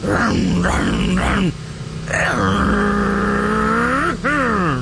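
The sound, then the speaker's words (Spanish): A voice mimics a man revving hard on his motorcycle: three quick rising vroom bursts, a brief lull, then a long buzzing engine drone that dips and surges once more before ending. Loud throughout. “Imagínense al compadre, pero pisándole a la moto.”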